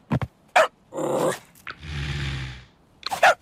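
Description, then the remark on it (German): A dog growls twice in low, rumbling stretches, broken up by a few sharp barks and yips at the start and end, fairly loud with no talking, while a donkey stands in the dog's basket and will not budge. “Ach so, der Esel steht im Körbchen vom Hund und rührt sich nicht vom Fleck.”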